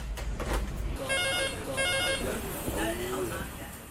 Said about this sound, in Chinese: 但预约电话却从未停过。